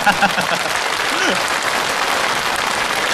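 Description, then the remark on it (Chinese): Dense, steady audience applause fills the whole few seconds, a loud continuous patter of many hands, with a few faint voices briefly rising through it near the start. “当然了，也可以再热烈点，是不是？”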